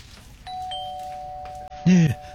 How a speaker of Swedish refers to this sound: Men då säger det pling plong.